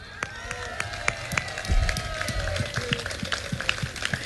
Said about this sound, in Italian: L'applauso ci vuole doppio.